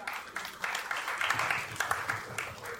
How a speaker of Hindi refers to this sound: तो जिन्होंने जिनको पारितोषिक नहीं भी मिला है उनका भी अभिनंदन और एक बार जोरदार तालियां आप सभी के लिए.